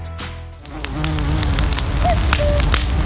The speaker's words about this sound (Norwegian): Kjøp nå og hold myggen ute I sommer.